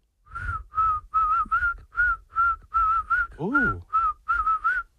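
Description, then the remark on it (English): A person whistles a short tune, a series of clear, steady notes in a bouncy rhythm with one swooping slide in the middle. No talking, just the whistled melody. “You have no faith in your whistle.”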